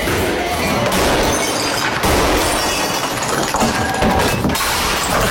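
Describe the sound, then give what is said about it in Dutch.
Glass from bottles, car windows and monitor screens is smashed over and over in a loud, nonstop barrage of crashing and shattering, with sharp breaks piling onto one another for several seconds and no talking. “Flessen, autoruiten, beeldschermen.”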